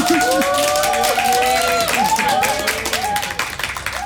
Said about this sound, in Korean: 네, 감동의 눈물이죠? 여러분 응원의 박수 부탁드리겠습니다.